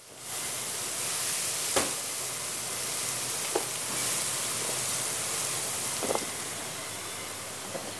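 Leek and apple sizzle steadily in a hot pan, a continuous hiss broken by a few sharp pops and crackles, with no voices.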